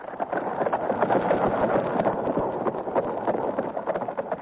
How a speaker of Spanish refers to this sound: Necesitamos darle un poco más a prisa, señor juez de letras, si queremos llegar para el amanecer a la vía. De acuerdo, vamos a apurarles a los caballos.